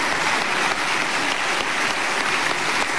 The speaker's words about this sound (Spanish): Le damos un aplauso también al presidente Piñera, en paz descanse.